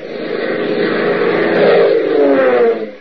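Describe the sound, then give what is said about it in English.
The engines of a massive DC-4 cargo transport plane roar steadily and loudly through an overcast night sky, a dense droning rumble that swells slightly in pitch midway before easing off, with no voices present. “Its engines thundering a mighty song of power, a massive DC-4 cargo transport roars through an overcast night sky, carrying six men to a deadly rendezvous.”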